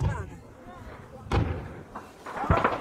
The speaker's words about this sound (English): explosions across the front line.